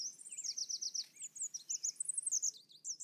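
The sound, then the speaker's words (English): A small songbird, a red warbler about 5 inches long, sings a rapid series of high, thin chirps and trills, repeated in quick bursts throughout, clear with a quiet background, on a clear morning. “Red warblers are the tiniest weather station you can imagine, barely 5 inches long and weighing less than a AAA battery.”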